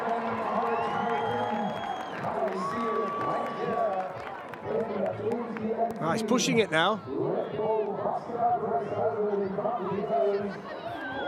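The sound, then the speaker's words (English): A crowd cheers and shouts, cheering on a racer at a Red Bull soapbox race, the noise steady throughout with a brief louder surge midway, while a man talks over it. “They're all cheering him on today. It's a fantastic atmosphere around any Red Bull soapbox event.”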